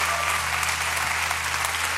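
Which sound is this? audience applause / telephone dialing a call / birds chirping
audience applause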